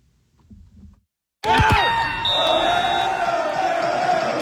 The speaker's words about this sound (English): And the cheers were loud, louder than that. Drinks didn't stop flowing either. Canada won their first ever FIFA World Cup game over Qatar yesterday.